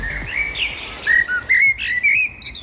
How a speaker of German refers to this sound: Ich koche gerade und mein Lieblingsgeräusch ist, wenn man in der Früh aufwacht und ganz viel Vogelzwitschern hört.